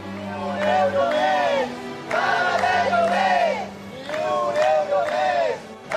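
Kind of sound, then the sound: crowd, protesters chanting slogans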